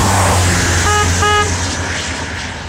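Two short car horn honks in quick succession rise over a steady, loud rumble of engine and road noise, with the second beep slightly longer than the first.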